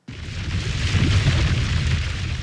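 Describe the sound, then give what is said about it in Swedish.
A deep, sustained rumbling boom from the 2022 eruption of the underwater volcano Hunga off Tonga, starting abruptly and rolling on steadily loud with a heavy low roar and a hissing wash above it, no voices. “Ja, så här lät det när vulkanen Hunga utanför önationen Tonga hade ett utbrott 2022.”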